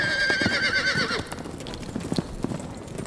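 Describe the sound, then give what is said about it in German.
A show-jumping horse on a course, after knocking down poles, gives a shrill, wavering whinny lasting about a second as its rider drops into its back and pulls roughly at its mouth, followed by scattered, uneven clopping of hooves as the cry fades out. “Brutal ließ sich Pein daraufhin in den Pferderücken fallen, zog grob im Maul herum.”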